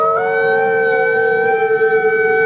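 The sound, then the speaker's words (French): A grey wolf at the Pêcheret zoological park howls: a long, loud howl that holds one steady, mid-pitched note with a slight rise at the start. It is rich in harmonics and unbroken for the whole stretch, with no voices. “C'était le loup.”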